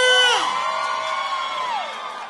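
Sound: crowd shouting and cheering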